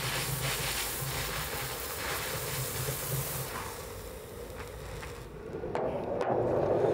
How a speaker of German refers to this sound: Und das muss jetzt raus. Deswegen mache ich das jetzt mit durch langsam oder ja, langsam Fahrt, bis aus allen vier Ventilen der Dampf rausströmt. Dann bin ich mir sicher, das Wasser ist komplett raus.